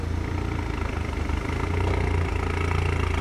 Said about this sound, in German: Die Tuning-Polizisten wurden von Kollegen zu einem Einsatz gerufen. Ein Wagen klingt lauter, als er sollte.